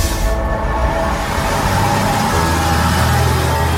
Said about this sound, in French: Nous sommes sur la ligne E du bus Lavallois. On arrive place de la Trémoaille